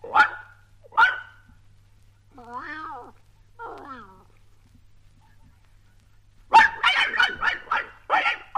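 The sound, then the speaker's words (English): Mr. Pooh the dog gives two sharp, separate barks, followed by two drawn-out meows from Timothy the cat, then a quick volley of several loud barks, with no talking. “Pooh will bark three times.”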